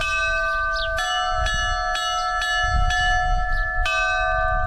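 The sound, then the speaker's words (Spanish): Church bells in Navarra are rung by bell-ringers to announce an eclipse, ringing out in a steady peal, each strike landing roughly every half to full second with long, shimmering overtones that overlap, over a low rumble of background noise; no one speaks. “los campaneros de Navarra repicarán las campanas que anuncian el eclipse, el estreno de un sonido inédito.”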